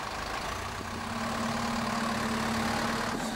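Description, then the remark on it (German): A car drives on a test track, its engine running with a steady, even drone and a constant tonal hum, loud throughout and unchanging, with no voices over it. “Und wie groß diese Belastungen sein können, zeigt eine Fahrt auf der Versuchsstrecke.”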